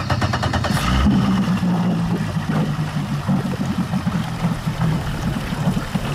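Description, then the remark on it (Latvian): A municipal police motorboat drones steadily while patrolling Lake Durbe, Latvia, to check anglers: a low continuous rumble mixed with rushing, splashing water throughout. No one speaks. “no Pāvilostas pārcēlušies uz Durbi, lai ar pašvaldības policijas laivu izbraukātu ezeru un pārbaudītu makšķerniekus.”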